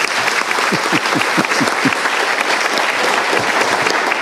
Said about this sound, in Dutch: je krijgt applaus allemaal tegelijk aan het eind.